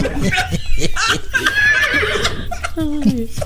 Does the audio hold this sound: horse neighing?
yes